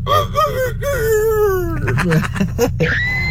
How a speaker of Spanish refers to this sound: Pues miren otra vez el gallo despertador del día.